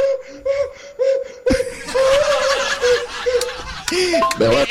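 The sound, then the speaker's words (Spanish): A man's voice, a caller from Piñas, imitates a donkey braying with a rhythmic run of short, nasal, pulsing cries that start softer and turn louder and raspier, sounding partly like strained laughter. “soy de Piñas y te voy a hacer la del burro.”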